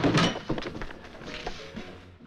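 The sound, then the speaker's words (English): A door is forced open with a loud, splintering crash at the start, followed by a few lighter wooden thuds and rattles as it gives way. No voices. “Sorry we had to break in.”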